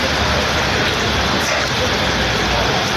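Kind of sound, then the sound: nature, rain falling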